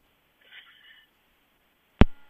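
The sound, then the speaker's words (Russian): A faint, muffled hiss on a caller's phone line to a live radio broadcast gives way to a sharp click as the call drops, followed by the start of a steady busy tone. No one speaks. “Так, к сожалению, к сожалению, связь оборвалась.”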